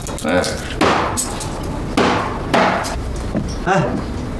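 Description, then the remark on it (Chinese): A cleaver strikes hard on a cutting board in sharp, heavy chops, roughly five solid blows at an uneven pace, loud against a low murmur, while about ten jin of hairtail fish is being chopped quickly. “那菜板跟你有仇啊？你再剁把菜板剁碎了，那不是花钱买来的啊？”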